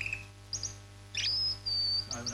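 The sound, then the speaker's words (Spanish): A sound effect of a small bird chirping in short, bright bursts, followed by a sustained high whistled note, then more quick tweets; the calls are clear, with a steady low hum underneath. “Ah, no, porque viene con efecto de sonido incluido. El pajarito.”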